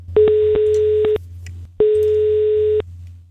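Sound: telephone ringing tone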